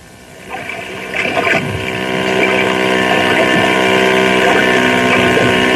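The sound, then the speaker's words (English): A water hot rod speedboat engine roars on Beaver Lake, its droning rumble swelling over the first couple of seconds and then holding steady and loud, with a wash of water underneath and no voices. “Then there's something else breathtaking about Beaver Lake, which we'll find out in our story today, Water Hot Rods.”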